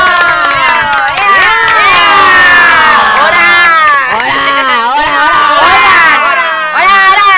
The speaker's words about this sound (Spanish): y pues bueno, despedimos con fuertes aplausos a nuestros compañeros. ¡Bravo! ¡Bravo!